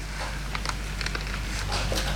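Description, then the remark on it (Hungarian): Light rain begins to fall, scattered soft drops pattering irregularly over a steady low background hiss, fairly quiet, with no voices. “Hallod? Eleredt az eső.”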